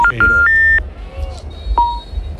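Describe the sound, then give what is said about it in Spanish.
A quick run of stepped electronic beeps from a mobile phone keypad, then a single short tone a moment later, over a steady low rumble of background noise. “contesta ya, hombre.”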